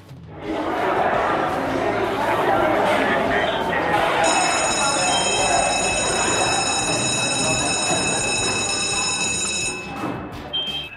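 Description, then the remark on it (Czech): A school bell rings in one steady, high, piercing electric tone for about five seconds over a constant hubbub of many voices, which continues after the bell stops. “Co, slyšeli jste školní zvonění?”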